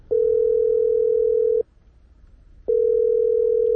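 A phone line's ringback tone on a call made to a recruiter after landing in Moscow: two long, steady electronic beeps separated by a short pause, heard clearly and alone with no one picking up.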